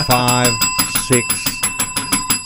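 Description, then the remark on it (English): A bell rings rapidly and insistently, around ten quick metallic strikes in a steady rhythm with a lingering bright ring, fairly loud, while a voice briefly speaks underneath. “Somebody take the bell away.”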